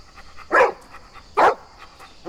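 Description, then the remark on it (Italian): A dog named Joey barks three times in a steady rhythm, each bark short and sharp, with quiet pauses between and a faint background hum; no one speaks. “Niente paura, eh. Il cane è buono.”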